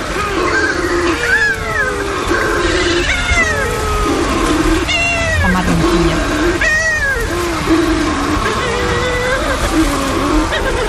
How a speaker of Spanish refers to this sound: donde tenemos también en el archipiélago de Cabrera un pariente, la pardela balear, que es una especie que cría solo en el Mediterráneo, casi solo en Baleares, está en peligro de extinción y tiene una voz aún más sutil. Es más delicada.